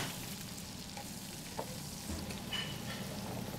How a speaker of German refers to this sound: So, jetzt gucken wir mal. Jetzt fangen wir an, das erste Schnitzel zu drehen.